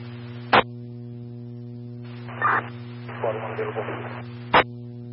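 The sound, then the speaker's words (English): Garbled radio static over a steady electrical hum, bracketed by two sharp squelch clicks, with a muffled, unintelligible burst of transmission crackling in the middle. “County Squad 1, if that was you, all I copied was static.”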